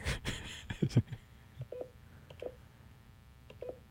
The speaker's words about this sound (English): Come on. Why is it doing this? I'm not dialing fast enough. 203. There we go.